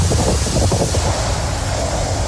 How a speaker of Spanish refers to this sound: Reventones térmicos y vientos de hasta 150 kilómetros por hora. Madre mía. Madre mía.